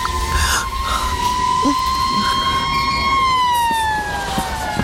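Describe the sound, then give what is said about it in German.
A loud ambulance siren approaches as a sustained high wail that dips slightly in pitch near the end, with a low rumble of traffic underneath and no voices. “Willst du nicht auf den Krankenwagen warten?”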